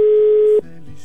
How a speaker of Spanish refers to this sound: Ya está sonando el teléfono